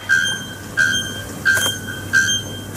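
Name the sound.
bare-throated bellbird call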